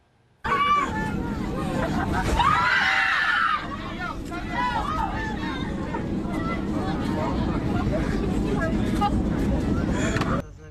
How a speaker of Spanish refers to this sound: Y los gritos dentro de la cabina de un avión reflejaron el miedo que vivieron decenas de pasajeros.